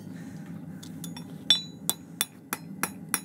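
A farrier in Hamburg-Moorburg, Germany, hammers heated, softened iron on an anvil to shape a horseshoe to a horse's hoof: six sharp, ringing clangs at a steady pace, preceded by a few lighter taps, over a low background hum, with no talking.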